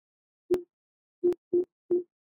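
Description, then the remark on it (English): A short electronic notification chime from an Alexa smart speaker plays: a single tone, a brief pause, then three quick tones of the same pitch, clear with no talking. “is there a notification? You have one new notification from Alexa Weather.”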